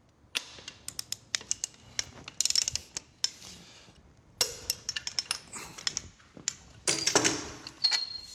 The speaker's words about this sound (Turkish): Bunu bir pul ve büyük bir somunla tutturuyoruz. Böylece yerine oturmuş oluyor. Evet, yaptığımız iki delikli basit bir çubuğu ve büyük tork anahtarını kullanıyorum.